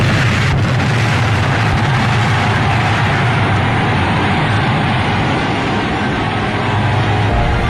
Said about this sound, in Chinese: 起爆